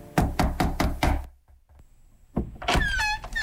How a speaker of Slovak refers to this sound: Zastal pred poslednou chalupou, zaklopal na posledné dvere.